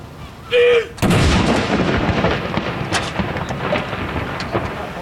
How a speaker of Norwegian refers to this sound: Andre kanon!